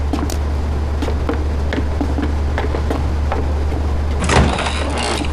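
The door of a rented apartment in Seattle is opened for visitors near the end, a short rushing, scraping burst after several faint clicks, all over a steady low hum with no one speaking.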